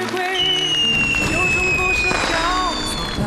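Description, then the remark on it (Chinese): Fireworks go off in a steady, crowded barrage, with whistling trails streaking through, dense crackling bursts, and booms close together, loud and continuous throughout, watched from a high-rise building. “快看，烟花。”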